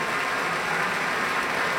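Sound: concert audience applause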